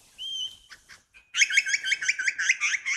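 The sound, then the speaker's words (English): An Australian lyrebird mimicking the chatter of a mob of fairy wrens: a thin whistled note, then a rapid, high, tinkling run of overlapping musical trills, fairly loud with no talking. “That's mimicking a mob of fairy wrens.”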